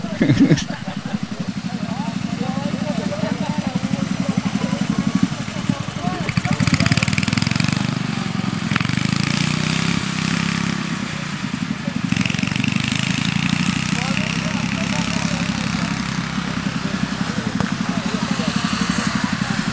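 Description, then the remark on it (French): Loud, steady small-engine roar of racing ride-on lawn mowers, droning continuously with shifting revs as machines pass, with people talking faintly underneath. “Ça fait longtemps que tu es pilote de tracteur tondeuse ?”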